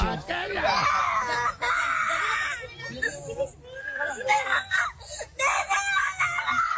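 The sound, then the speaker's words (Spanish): A little girl cries hard, with loud, high wailing sobs that waver in pitch and break off briefly for breaths before starting up again. “Oye, pero llorando, duro.”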